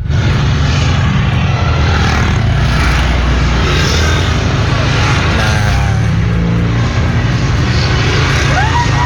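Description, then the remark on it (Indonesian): A steady, heavy roar of many vehicle engines rolling past, a dense mass of motorbikes and cars rumbling continuously with no break: an Arema supporters' convoy on Jalan Bandung heading to Stadion Gajayana. “Ini ada Bu Vivin menginformasikan tadi konvoy Arema lokasi di Jalan Bandung menuju Stadion Gajayana.”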